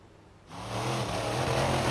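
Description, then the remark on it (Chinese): A monster truck engine suddenly roars to life after a brief quiet moment, revving loud with a rough, sustained growl that holds steady to the end. The monster truck is performing at a vehicle show in Popayán, Cauca, Colombia, losing control while crossing ground obstacles and roaring toward spectators on its right. “网传视频显示，事发时一辆参加表演的怪兽卡车在通过地面障碍时突然失控，轰鸣着向其右侧的观众群奔去。”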